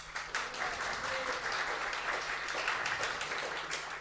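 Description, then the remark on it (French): A conference audience at the médiathèque in Albi claps steadily for their host from the médiathèque for several seconds, a dense, continuous patter of many hands with no voices rising above it. “de la médiathèque d'Albi qui nous accueille aujourd'hui, qu'on peut applaudir bien fort.”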